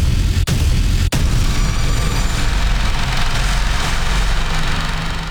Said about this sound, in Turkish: Obüs atışları nefesleri kesti. Yeni nesil silah sistemleri ilk kez görücüye çıktı. Ateş serbest tatbikatı her yıl olduğu gibi yine dosta güven, düşmana korku verdi. Tatbikat kapsamında an itibariyle obüs atışlarına geçildi.